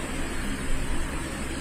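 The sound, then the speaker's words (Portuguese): A helicopter landing in the capital of the state of Maranhão, heard as a steady, dense roar of engine and rotor noise that fills the short moment without a break, loud, with no voices. “Aí nesse momento em que o helicóptero chega, faz o pouso.”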